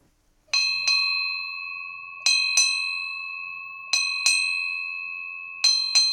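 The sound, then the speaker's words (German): A ship's bell on a river-burial ship in Rhineland-Palatinate, Germany, is struck eight times after a river burial, in four evenly spaced pairs of quick double strikes, each clear metallic clang ringing on and slowly fading. Fairly loud, with no voices. “Bärbel Rossmann-Fischer schlägt die Glocke nach jeder Flussbestattung auf der Libelle”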